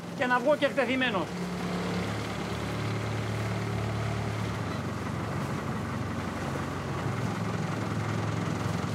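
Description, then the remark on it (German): The motor of a 4-metre red boat drones steadily, a low, even hum with a light wash of noise, after a brief voice at the very start. “Ich werde durchgeben, ein 4 Meter langes rotes Boot mit Motor gefunden zu haben.”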